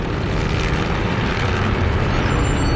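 A loud, steady droning roar of a propeller aircraft engine flying low over a battlefield, continuous throughout with a dense rumbling low end and no voices.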